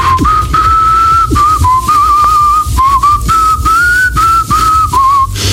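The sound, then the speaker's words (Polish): Polish PSL politician Piotr Zgorzelski whistles a lilting tune while shaving, with clear sustained notes rising and falling in short phrases, over a low rumbling background. “Polityk obiecał, że pokaże, jak gwiżdżę podczas golenia.”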